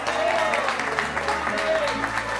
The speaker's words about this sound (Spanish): ¡Fuerte aplauso de este plato!